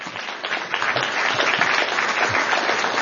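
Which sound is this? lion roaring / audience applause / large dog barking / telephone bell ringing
audience applause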